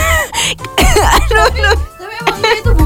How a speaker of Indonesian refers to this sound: Booming banget, aduh sampai batuk, ya ampun.